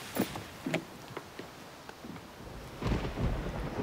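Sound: thunder rumbling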